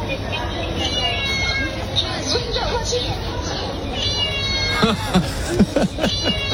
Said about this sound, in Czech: Když namarkuješ zboží, tak to mňouká. Představte si, že stojíte u té pokladny a teď tam vezmeš to máslo.